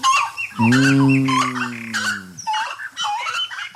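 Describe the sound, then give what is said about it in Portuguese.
Birds sing in the trees outdoors in a busy mix of chirps and whistled notes, while one long, low, honking call holds steady for nearly two seconds midway through. “Tá cantando nas árvores, né?”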